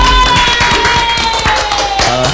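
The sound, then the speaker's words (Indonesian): Several quick claps ring out in an irregular burst, fairly loud, over a steady background hum with a faint tonal whine. “Ih, tepuk tangan dong”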